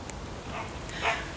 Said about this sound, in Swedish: Ja, där hör vi din hund